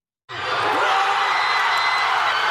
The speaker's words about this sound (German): Nicht einfach nur Jubel, direkt eine Explosion aus tausenden Kehlen war das auf Asuncions Fanmeile Palmas und Alberdi beim 1:0 gegen die deutsche Elf nach 42 Spielen.